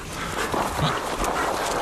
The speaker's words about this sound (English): Come on, wieners. Come on, wieners. Come on. Food time. Aria, Sansa, heel, heel. Come out, dogs.